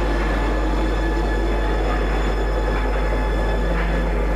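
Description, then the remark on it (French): A metro train rumbles steadily along the rails, a dense continuous roar with a deep low hum and faint metallic whine, loud throughout, with no voices. “Philippe a pris le métro pour y aller.”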